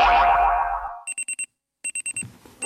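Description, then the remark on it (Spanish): A resonant boing fades out, then a digital alarm clock beeps in quick bursts of four, pauses, repeats, and starts again, loud with no voices. “El despertador.”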